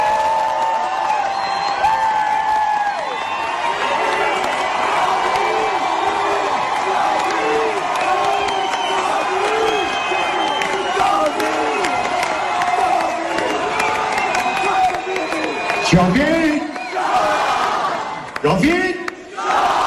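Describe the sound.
A large crowd at a concert in Istanbul chants loudly in unison "Javid Shah", a dense roar of many voices with rhythmic shouted phrases repeating throughout, with bursts of cheering near the end.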